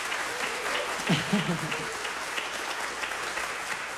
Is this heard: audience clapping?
yes